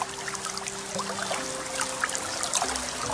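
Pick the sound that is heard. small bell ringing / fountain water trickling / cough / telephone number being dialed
fountain water trickling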